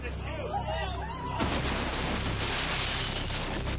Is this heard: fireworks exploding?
yes